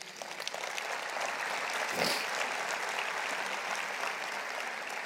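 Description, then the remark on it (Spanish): A church audience applauds the Lord steadily during a sermon, a dense wash of many hands clapping that holds at an even level throughout, with a brief swell around the middle and no voices rising above it. “Un aplauso al Señor.”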